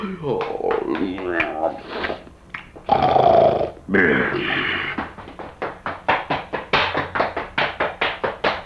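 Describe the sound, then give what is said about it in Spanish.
A wolf snarls and growls, a rough, throaty rumble. It gives way to a quick run of rhythmic, evenly spaced tapping, like scampering feet. “Ni me vio la colilla de ese lobo, vean.”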